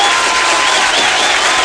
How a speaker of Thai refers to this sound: ขออนุญาตปรบมือต้อนรับท่านก่อนนะครับ